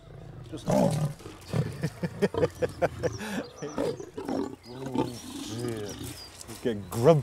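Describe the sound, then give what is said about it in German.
Hungry lions behind a fence growl and snarl while waiting to be fed, in a rapid series of rough, rumbling bursts, one deep growl overlapping the next, loud and restless throughout. “hat offenbar überhaupt keine Angst vor hungrigen Löwenmäulern”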